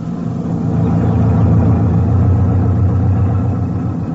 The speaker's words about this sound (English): We traveled in a Jeep type of motor lorry. By midday, we were well out into the plains, and it was hot, about as hot as East Africa can get.